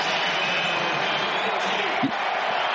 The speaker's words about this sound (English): Now the crowd roaring even louder.